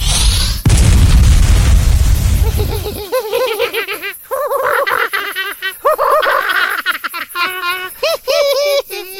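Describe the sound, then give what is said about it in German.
A sudden, loud explosion of a second magic fireball cast at a ghost among dark green conifers at dusk erupts, then a deep roaring rumble for about two seconds before cutting off. Choppy, high-pitched cackling laughter follows. “Reicht dir der Feuerball nicht?”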